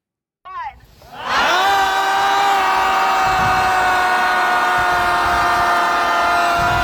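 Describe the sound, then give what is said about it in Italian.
A crowd of more than 100 people gathered for an unusual event in San Francisco on the Pacific coast, screaming together in one loud, sustained high-pitched roar that swells up after a brief rising cry and holds steady without letting up. “Ecco, soprattutto chi ci ascolta in radio potrebbe essere confuso da queste urla, ma spiego subito.”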